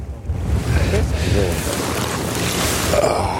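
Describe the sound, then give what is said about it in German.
Fishing nets being hauled aboard a fishing boat, with steady low engine rumble, splashing water and wind noise and faint voices in the background; the nets bring up only small fish such as roach and a small perch. “Wir holen die Netze rein und ich bin echt gespannt.”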